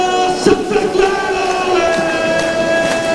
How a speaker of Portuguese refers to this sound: Santa Clara de um lado, Nacional do outro. Tudo a postos numa altura em que se grita nas bancadas: Santa, Santa, Santa. Vamos ver o que é que vai dar este jogo. Gritos de Santa, Santa, Santa. Todos os adeptos do Santa Clara a puxar pela sua equipa.